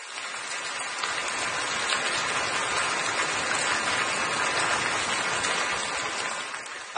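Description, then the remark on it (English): A steady, dense hiss of falling water like a rain shower, continuous and even in loudness for several seconds with no voices, ending with a brief faint tap. “So, but it does sound like I'm in the shower right now. If you have one of those fancy shower, rain shower.”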